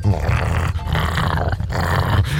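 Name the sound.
german shepherd dog growling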